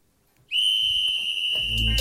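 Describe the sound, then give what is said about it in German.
A single loud, sharp whistle blast, signaling the throw of two balls in a game, starts abruptly after a brief quiet moment and holds steady and shrill, with a low rumble building underneath toward the end. “Also, ich schmeiße die beiden Dinger los, wenn der Pfiff kommt.”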